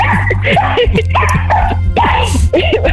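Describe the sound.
A dog named Spikkie, belonging to a caller from Borgloon, yips and whimpers in short, repeated bursts throughout, somewhat in the background, over a steady low hum with overlapping voices.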